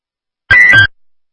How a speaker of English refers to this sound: Alarm and radio checks at 8:03. Right, dispatch reports to EMS testing your alarms and radios at this time.